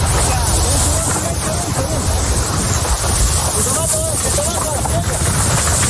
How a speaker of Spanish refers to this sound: Mira, y para entender la tragedia, quiero que escuchen el sonido de los miembros del Infoca. Intentan apagar el fuego, pero las llamas crecen y se acercan peligrosamente hacia ellos.